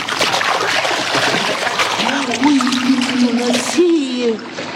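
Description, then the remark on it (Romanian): A fishing net is thrown into water, with a loud, sustained wash of splashing and sloshing across the whole clip and a low wavering hum rising in the second half. “Rotește-o de 3 ori prin văzduh, apoi arunc-o în apă.”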